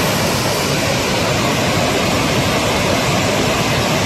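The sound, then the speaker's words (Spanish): A powerful, continuous roar of the swollen Besós river flowing with great force under an extreme flood alert, loud and steady throughout with no pauses, the dense rushing filling everything. “Así suena el río Besós, que baja con mucha fuerza a esta hora.”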